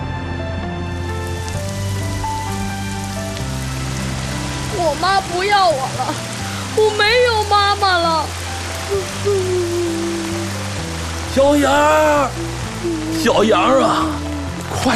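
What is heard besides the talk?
rain falling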